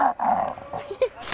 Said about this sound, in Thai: ทำให้แก้วของเราสั่นสะเทือนมากขึ้นจนสร้างเสียงกรนที่ดังขึ้นมาได้ยังไงล่ะคะ